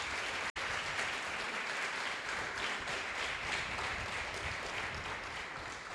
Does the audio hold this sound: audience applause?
yes